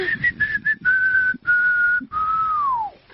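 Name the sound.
person whistling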